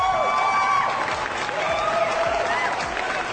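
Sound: applause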